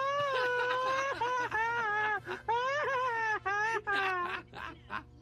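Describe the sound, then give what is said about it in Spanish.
A Mexican 'grito ametralladora' (machine-gun grito): one loud, high voice yells for about five seconds, warbling and wavering in pitch, with brief breaks between bursts that rise and trail off at the end. “Y yo digo el grito más atrellador.”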